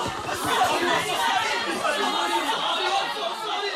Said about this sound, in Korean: 그가 총을 쳐들자 전주 후에 자기 주전자 하나가 핑 소리와 함께 박산이 났다. 사람들은 큰 소리로 갈채를 보내었다.